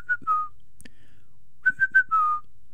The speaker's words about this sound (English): One in three people can't do this. I can whistle.